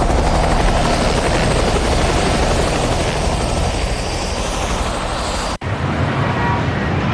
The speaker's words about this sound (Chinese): 一直送到宅子外面的直升机上。